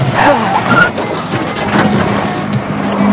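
A car driven badly, engine revving with short tire squeals and skidding amid a busy, steady roar, with faint voices mixed underneath.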